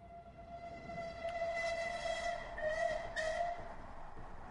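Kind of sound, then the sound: vehicle, train travelling on rails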